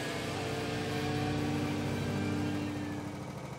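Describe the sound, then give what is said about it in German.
A go-kart's small engine idles steadily, with drivers seated in the karts on a 341-metre track; a loud, buzzing, even drone with a constant pitch and no speech over it. “Wir sind bereit, wir sitzen in den Karts.”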